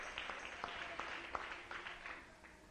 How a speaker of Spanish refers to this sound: Dale un aplauso al Rey, aleluya.